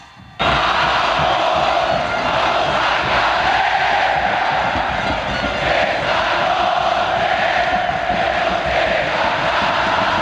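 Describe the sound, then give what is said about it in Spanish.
A large football stadium crowd of celeste fans roars and applauds continuously during a substitution, as Jesús Sagredo (shirt number 2) leaves and Damián Battaglini (number 99) comes on; a dense, loud wash of cheering that starts abruptly and holds steady throughout, with no distinct voices standing out. “Sale de la cancha con la camiseta número 2, Jesús Sagredo, e ingresa en su reemplazo, aplaudido por él, todo el hincha celeste, Damián Battaglini con el dorsal 99.”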